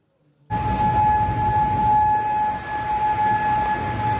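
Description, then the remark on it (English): A loud, sustained air raid siren wails without pause across Kuwait City, holding a steady tone over a broad rumbling background as it carries across an open area, with no voices present. “Now, the claim comes as sirens were heard across Kuwait City.”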